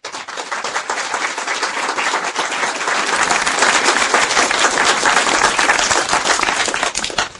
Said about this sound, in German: Und ich denke, sie haben sich einen Applaus verdient.